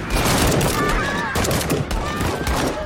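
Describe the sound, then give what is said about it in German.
A firing squad's rifle volley, fired on the command to shoot after a death sentence, cracks out as a dense, sustained burst of gunfire, with a few sharper reports standing out over a steady, loud wash of noise and faint voices. “Ihr werdet hiermit zum Tode verurteilt. Lass sie gehen. Achtung! Anlegen!”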